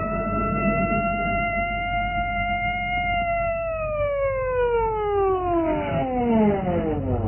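A loud Scotland Yard police patrol car siren holds a steady high wail, then its pitch slides steadily downward over the last few seconds as the car stops at the roadside at night, with road rumble underneath.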